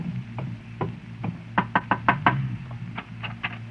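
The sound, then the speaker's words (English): Someone knocks on the door of a house several times, a few scattered raps followed by a quicker cluster of sharp, solid knocks, then a few more spaced ones, with no voices. “Here's the house. You wait here while I go knock.”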